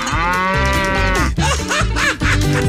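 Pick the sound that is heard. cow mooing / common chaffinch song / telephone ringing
cow mooing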